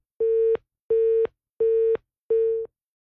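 A telephone busy tone after a phone call with a reporter dropped: four evenly spaced, steady mid-pitched beeps, each about a third of a second long, with no talking.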